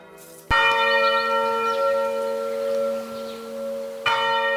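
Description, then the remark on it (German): A large church bell in the tower of Heiligkreuz church in Bruchweiler-Bärenbach strikes loudly, its deep, rich tone ringing out and slowly decaying before a second strike follows about three and a half seconds later. No voices are present. “einige Kirchen und ihre Glocken sind natürlich schon sehr, sehr alt”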